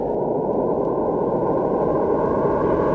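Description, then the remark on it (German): A steady, dense wash of many sine tones played together, merging into a rough, shimmering, noise-like drone with a few faint pitched bands, loud and unchanging throughout. “Und wenn ich jetzt ganz viele dieser Sinustöne nehme und gleichzeitig abspiele, dann wird das immer seltsamer.”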